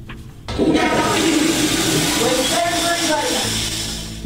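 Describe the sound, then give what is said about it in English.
A toilet flushes, a loud rushing swirl of water that starts abruptly and churns steadily for several seconds before tapering as the bowl refills. “At night, do not flush the toilet, maybe if you poop, because it wastes the listening to the toilets.”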